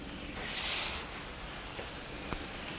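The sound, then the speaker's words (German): A steady, hissing rush of water spraying from a shower hose as a zookeeper showers tapirs to cool them off and rinse off dirt, swelling briefly stronger near the start before settling into an even, continuous spray with no voices. “Ich sag mal, die mögen auch wirklich so einen richtig dollen Strahl.”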